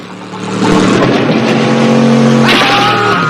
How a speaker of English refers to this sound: The wheels send mud flying as Juan heads back towards Zolo and his men.